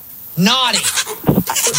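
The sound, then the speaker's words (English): A goat inside a house lets out a loud, wavering bleat, quickly followed by a few shorter, rougher bleats from the animals. “Came around the front of the house so I could talk to you without the goats making all the noises, and so I don't know exactly what's going on in there.”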